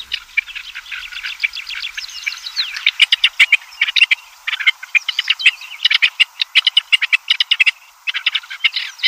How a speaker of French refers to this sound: En Chine, comme en Europe, on a remarqué le désagrément du cri de la perdrix.